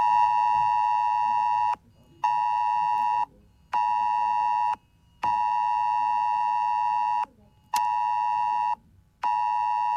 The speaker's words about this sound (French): Ce dispositif passe par une sonnerie sur les téléphones portables. Une sonnerie très spécifique. Attention, voilà ce que ça donne.